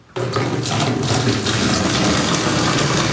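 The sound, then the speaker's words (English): A steady stream of water pours from a kettle into a bucket for a bucket shower in a condo in Lachine without hot water, a continuous splashing and gurgling that starts abruptly and runs without pause, with no voices. “A kettle, a bucket, and lots of patience.”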